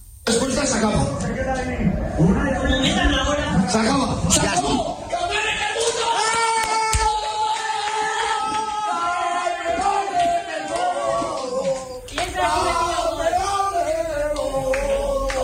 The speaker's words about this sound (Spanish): También les hablamos del sonido de la noche en Granada. Así sonó en las casas granadinas la segunda victoria de España en un mundial.